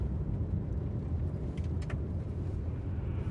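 A steady low rumble of a car's interior while driving fills the whole stretch, with a couple of faint brief rattles partway through and no voices.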